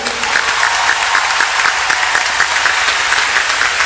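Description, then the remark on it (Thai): An audience claps steadily and densely for a few seconds, applauding a music producer who has just been introduced, a loud, sustained wash of many hands applauding together with no one speaking over it. “ต่อจากนั้นก็เป็นพี่…ทราบว่าวันนี้คงจะมาด้วยปรบมือให้พี่…ด้วยครับ”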